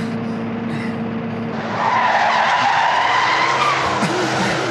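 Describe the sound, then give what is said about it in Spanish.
A car engine roars as tires screech and skid loudly, the squeal swelling after a moment and holding steady as the vehicle pulls up sharply. No voices. “Ven, Cindy, acerca el carro.”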